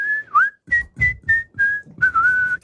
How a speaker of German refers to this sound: Pfeifen ist doch immer etwas Schönes. Die Papi pfeift doch immer so, so gut.